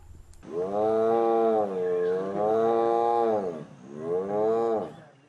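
A tiger lets out three long, loud roars, each a deep rumbling tone that swells and fades, with brief pauses between them and no voices.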